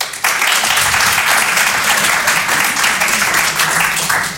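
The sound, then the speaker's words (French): Sustained applause from a live audience, applauding to show who among them is an older brother or sister, a dense wash of many hands clapping at once, loud and steady for several seconds with no pauses. “Par applaudissement, il y a des gens qui ont le statut de grand frère ou de grande sœur ce soir.”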